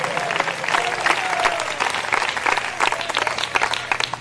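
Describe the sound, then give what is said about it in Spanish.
An audience claps loudly and continuously as applause to the Lord, a dense wash of many hands, with faint voices rising briefly within the applause. “Dele fuerte ese aplauso al Señor en esta hora.”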